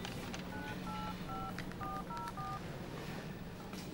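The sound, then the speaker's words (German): Six short dual-pitched touch-tone beeps as a telephone number is keyed in, evenly spaced over about two seconds, against a steady low background hum with no talking. “Darf ich einmal kurz telefonieren?”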